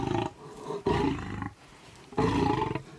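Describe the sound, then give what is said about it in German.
A hungry big cat lets out deep, rumbling roars in three heavy bursts, loud and strong with short pauses between them, and no talking over the sound. “Dieses tiefe Miau bedeutet Hunger.”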